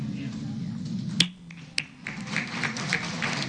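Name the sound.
audience applause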